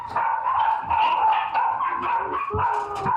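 Several puppies bark and yip continuously in high, overlapping bursts, fairly loud, with no pauses and no talking.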